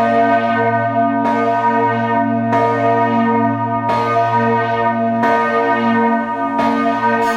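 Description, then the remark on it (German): Church bells of the Schlosskirche (Castle Church) in Wittenberg ring out in a steady sequence, with strikes about every 1.3 seconds over a continuous, rich hum of overlapping tones. The sound is loud, with no voices. “Das sind die Glocken der Schlosskirche zu Wittenberg.”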